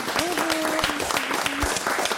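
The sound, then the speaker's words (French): A crowd claps and cheers in dense, steady applause for a performer and her team on the Couleur 3 radio show, with a voice briefly calling out over the noise. “On peut les applaudir.”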